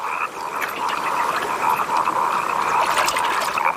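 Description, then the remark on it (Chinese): A dense chorus of wood frogs croaking while pairing up to breed in a brief burst of explosive breeding, many overlapping clucking calls forming a steady, fairly loud mid-pitched din with no pauses and no voices. “林蛙抱对繁殖只持续几天时间，这种短时间内大量繁殖的行为也被称为爆炸式生殖。”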